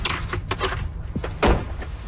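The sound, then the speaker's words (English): The front door of a home opens with a short series of clunks and rattles, capped by a louder thud from the latch or frame partway through, with no voices; a woman in her 30s opens it to welcome visitors while it is raining outside. “A woman in her 30s, dressed casually in stretchy black pants and a cardigan, welcomes us at the door.”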